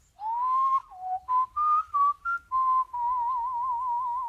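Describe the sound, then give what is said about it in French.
A person whistles the nightingale's melody as a birdsong imitation: a rising note, a quick run of short chirping phrases, then a long warbling trill, clear with no talking. “Ça, c'est la mélodie du rossignol.”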